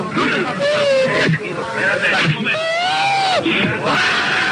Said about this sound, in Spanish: No, vamos a ver, porque están, me están quitando las espinilleras y las vendas del pie y está llorando.